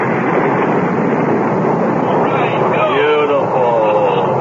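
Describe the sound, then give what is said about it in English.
Rocket engines roar at launch in a dense, unbroken rumble that stays loud and steady, with faint wavering voice-like tones rising through the noise near the end. “All engines firing.”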